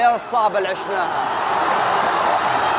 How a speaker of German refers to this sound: Der Jubel im Laufe des Spiels wird immer lauter. Ägypten baut die Führung sogar noch aus. Jeder Torschuss der Pharaonen wird frenetisch gefeiert.